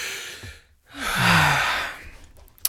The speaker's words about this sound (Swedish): Jag ska dra efter andan så jag kan presentera det här utan flas.